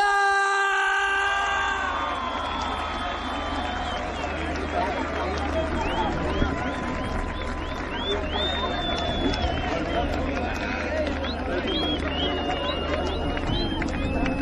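A sustained tone fades in the first two seconds, then a large audience breaks into loud, steady applause with cheers and shrill whistles rising above it, lasting to the end.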